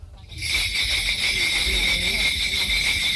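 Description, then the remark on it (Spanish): A steady, shimmering jingle of many small bells rings continuously, like a sleigh passing, with a low rumbling murmur underneath throughout, from a ritual called gut. “Pues parece que llega Papá Noel, ¿no? Sí, pues el trineo.”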